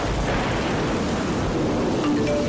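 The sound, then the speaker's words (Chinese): Heavy rain pours down in a dense, steady hiss that stays evenly loud throughout, with a faint low rumble underneath and no voices. “开始下雨了，大家注意交通安全。”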